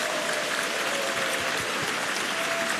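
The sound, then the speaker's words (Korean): Steady audience applause fills the whole stretch, a dense wash of many hands clapping at an even, moderate loudness with no voices standing out, at the 2026 Nara Sarang Festival in Yeosu, welcoming former National Assembly member Kim Hoe-jae. “네, 박수 주시기 바라겠습니다.”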